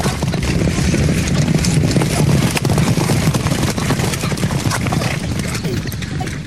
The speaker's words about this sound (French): Mais les chevaux me sont passés dessus. Je suis resté au milieu du terrain.